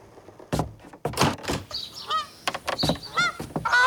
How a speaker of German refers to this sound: Unter dem Schuppendach hockt der gelehrte Graugänserich Herr Günther. Mit wem er wohl redet?